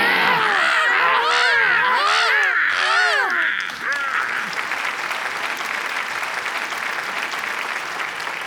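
Several loud, harsh crow-like caws overlap in quick succession for a few seconds, then give way to a steady wash of clapping and crowd noise.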